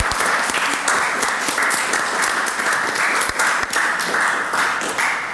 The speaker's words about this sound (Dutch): Een groot applaus voor Eva Linde, alsjeblieft.